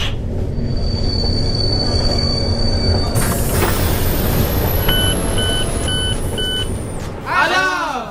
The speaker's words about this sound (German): und unser Zug fährt ein.